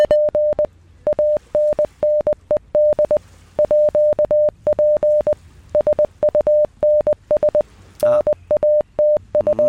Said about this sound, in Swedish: Ska vi köra morsekoden? Vi kör den en gång till.